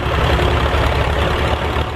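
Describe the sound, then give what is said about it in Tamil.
A heavy diesel tractor engine idles steadily, a continuous low rumble with a dense mechanical chug and no talking over it. The standing tractor is loaded with hay bales. “ஆமா, ஒரு டிராக்டர் நிக்குது.”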